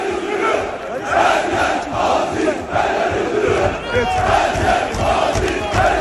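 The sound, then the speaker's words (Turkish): A large crowd of football fans chants "Her yer Aziz, her yer Yıldırım" in support of Aziz Yıldırım, a dense, rhythmic roar of many voices rising and falling steadily throughout, loud and continuous with no single speaker standing out. “her yer Aziz, her yer Yıldırım tezahüratlarına eşlik ediyordu bu şekilde.”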